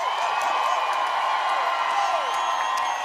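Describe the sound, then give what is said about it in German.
A crowd at a live show applauds and cheers for the sound technicians, a dense wash of clapping with whoops and shouts rising over it, sustained and loud throughout without a break. “Kann ich bitte einen riesengroßen Applaus haben für Andi Wittmer, Ilana Walker und Chantal Frauenknecht am Ton. Macht Lärm!”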